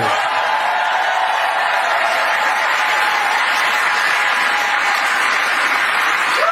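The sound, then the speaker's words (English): A large room full of people cheers and applauds a man who has listed the reasons he doesn't love America, in a steady, dense roar of clapping without pause, loud, with no single voice standing out. “Can you imagine a room full of people cheering at a guy who lists all the reasons why he doesn't love America?”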